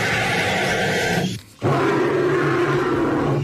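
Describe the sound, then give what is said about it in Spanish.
A bird's call that sounds like a dinosaur roar: two long, loud, raspy bursts separated by a brief pause, with a deep rumbling growl and no voices. “¡Los dos son pájaros!”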